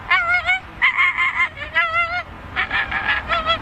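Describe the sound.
A person's voice imitates an American flamingo, giving a quick run of about six loud, nasal, goose-like honks, with brief pauses between bursts.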